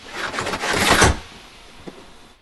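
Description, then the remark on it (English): The window blinds of Draco's car drop one after another in quick succession, a rapid run of rattling, sliding clatters that swells over about a second, then a lone soft click afterward. “He slides it shut, then lowers the blinds. The car's other blinds drop in rapid succession.”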